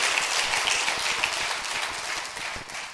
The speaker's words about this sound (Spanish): Ella está sanada ya, gracias a Dios. ¿No aplauden? Al Señor, gracias Padre.